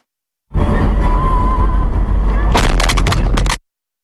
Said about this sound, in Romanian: Un al doilea pod important din Kiev a fost lovit în cel mai recent atac rusesc. Explozia a avut loc dimineață, la doar un minut după ce a fost dată alerta de raid aerian.